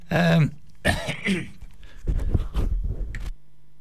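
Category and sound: human body sound, cough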